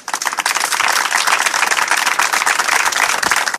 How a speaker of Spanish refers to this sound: Así que, bueno, pues sí que antes de la lectura me gustaría un aplauso para ellos.